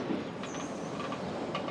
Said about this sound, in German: Der Schokoladezug ist inzwischen eingetroffen.